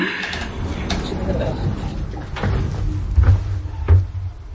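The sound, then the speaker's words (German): A door swings shut with a couple of dull thuds and a clunk of the latch, over a low continuous rumble of background noise. “Tür schließen.”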